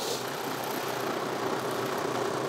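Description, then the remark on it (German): A six-cylinder engine idles steadily, a continuous low rumbling drone with an even, unbroken texture and no voices. “Bollert da, der 6-Zylinder.”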